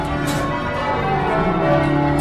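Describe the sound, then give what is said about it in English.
Church bells ring continuously, their overlapping tones blending into a steady, resonant wash at a fairly loud, even level, with no voices present. “If you don't like church bells, you don't come to live in this area.”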